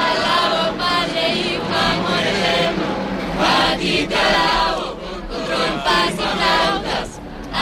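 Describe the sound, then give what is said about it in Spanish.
A group of young people sings loudly to the Pope in the historic quarter of Las Palmas de Gran Canaria, many voices blending into a dense, continuous chorus with a crowd-like roar and a few swells in volume. “Un grupo de jóvenes, pues que cantándole al Papa, esto era justo antes de que el Papa pues recibiera la llave de la ciudad de Las Palmas de Gran Canaria por parte de la alcaldesa de Carolina Darias y que se subiera al Papamóvil.”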